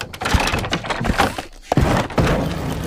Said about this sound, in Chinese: 开门。